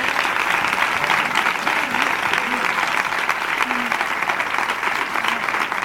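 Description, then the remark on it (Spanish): Sustained audience applause at an event, a warm applause dedicated to the families being supported, a dense, steady wash of many hands clapping at an even loudness for several seconds, with faint voices murmuring underneath. “de verdad que, aparte de esa colaboración económica que es fundamental, que hoy os lleváis de todos los que estamos aquí, os llevéis este caluroso aplauso de fuerza para ayudaros siempre en todo lo que podamos. Es un aplauso para todas esas familias.”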